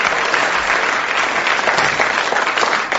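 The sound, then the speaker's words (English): An audience claps steadily for four audience members who came up and held a bottle, a dense, even wash of many hands applauding at a constant loud level with no voices standing out. “A round of applause for the four gallant members of the audience who came and held a bottle there.”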